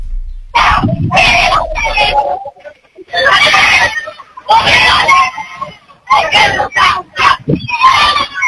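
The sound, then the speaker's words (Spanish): Football fans shouting and yelling together in loud, raucous bursts as Belgrano's players board the team bus to the Mario Alberto Kempes stadium, with brief lulls between waves of high, strained cries and chanting voices. “Escuchen cómo está la gente acá.”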